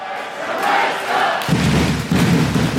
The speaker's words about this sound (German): Der Jubel war grenzenlos, die Spieler rissen die Arme nach oben, die Betreuer lagen sich in den Armen und die Fans, die feierten ihre Helden.